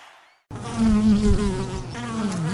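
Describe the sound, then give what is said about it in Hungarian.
Bees buzzing loudly, a dense, continuous droning hum that starts abruptly after a brief faint moment and holds steady to the end, with no one talking. “Hallod? Már zümmög a szerencse.”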